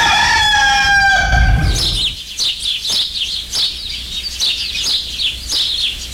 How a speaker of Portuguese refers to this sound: Ô, de caça, acorda, minha gente. O galo já cantou faz tempo, só.